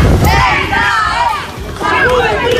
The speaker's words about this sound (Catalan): Són els crits d'alguns dels més joves a l'arribada a l'Estadi Olímpic.